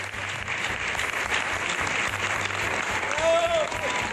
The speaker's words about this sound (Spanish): El público regaló esta gran ovación a esta actriz que tiene una de las carreras más versátiles de nuestra escena.